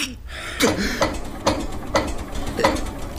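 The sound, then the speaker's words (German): An engine being cranked to start: a steady series of about six rhythmic mechanical clunks and whirs, each roughly half a second apart, fairly loud over a low rumble, without catching. “Also, schall ich nu den Motor ansmieten?”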